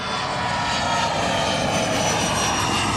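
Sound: airplane engine flying overhead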